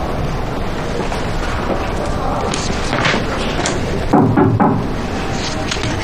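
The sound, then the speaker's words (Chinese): A short series of knocks on a door, around three dull raps close together, heard over a steady hiss of background noise. “高材生连敲门都不会。”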